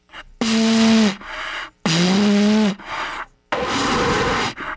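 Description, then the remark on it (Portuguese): Three loud, breathy blasts into a cornet by someone trying and failing to play it, mostly hissing with air. The first two carry a weak, low, sagging buzz of a note, and shorter, softer puffs of breath come between them. “Tô aqui soprando feito um louco.”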